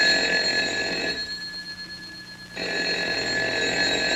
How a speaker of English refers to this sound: It was the telephone. He heard.